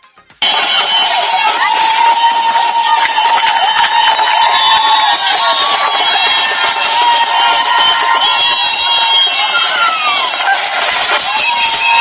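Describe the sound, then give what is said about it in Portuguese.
A huge crowd at Praia International Airport, Cape Verde, cheers and shouts continuously, welcoming the national football team, the Tubarões Azuis, back from the 2026 World Cup: a dense wall of voices with whistles and horn-like tones rising above it. The roar stays loud and steady after a brief quiet start. “Uma enorme multidão esteve esta manhã no Aeroporto Internacional da Cidade da Praia para receber os Tubarões Azuis após a participação no Mundial 2026.”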